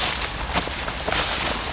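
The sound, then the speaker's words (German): Soft, irregular footsteps of someone walking outdoors toward the Amselwiese, a meadow with fruit trees, a few muted crunching steps over a steady hiss of background noise, with no talking. “Da, wir können mal dahinter gehen, irgendwie so auf die Amselwiese.”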